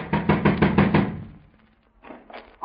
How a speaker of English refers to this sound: Better try knocking, Stone. Sure. Try it again, louder.